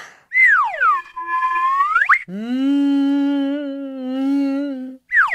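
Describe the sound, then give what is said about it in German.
A Karma whistle sounds a high note that swoops down and rises again, then a lower, reedy tone holds steady for nearly three seconds before another high note begins. No one speaks. “Man kann darauf pfeifen. Die Karma-Pfeife hat einen wunderschönen Ton. Hörst du es?”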